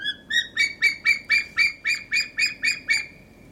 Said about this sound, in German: Ah? Klingt auf jeden Fall nach Vogel und da sind wir dann genau richtig unterwegs. Majestätisch sind sie nämlich und schon auch ein wenig furchteinflößend. Und ihre Rufe eindringlich, das haben wir gehört.